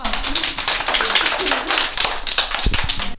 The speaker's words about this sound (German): Sehr schön, alle mal klatschen, ja.